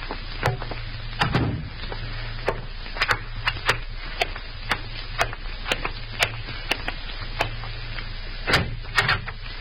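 A door shuts with a low thump among a scattering of sharp clicks and clacks over a steady low hum. There are no voices.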